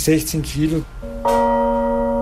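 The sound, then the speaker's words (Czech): A voice briefly at the start, then a single struck new bronze bell rings out with a deep tone, its sustained, layered hum holding steady and loud to the end. “Když nový zvon poslouchá Johannes, tak rozhodně neslyší to stejné, co já. Já vnímám jediný hluboký úder.”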